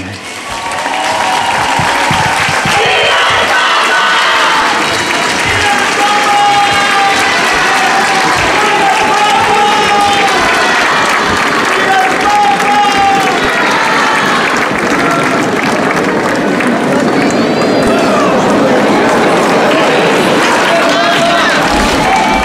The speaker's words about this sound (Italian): La sentite la gioia dei fedeli davanti a Papa Leone, li sentite in sottofondo dopo la preghiera mariana dell'Angelus dal Palazzo Pontificio a Castel Gandolfo.